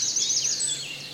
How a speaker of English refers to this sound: I can hear a crow in the background. Well, let's write that down, then. Crow in the background.